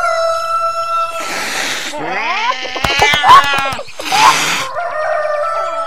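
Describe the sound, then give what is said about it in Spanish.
The rooster Don Aquiles Espuelón crows loudly to raise the alarm as a cat is about to eat a hen, amid a noisy barnyard commotion, with harsh squawking bursts and rapid clucking pulses. The sounds are frantic, and no words are spoken. “El astuto gato estaba a punto de comerse a la gallinita, cuando de repente Don Aquiles Espuelón, el gallo más galante de todos, dio la voz de alarma.”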